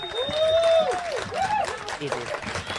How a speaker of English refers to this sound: And please put your hands together. Are you mob ready? For the Samoan dancers. All right, bring them out to a round of applause. Come on.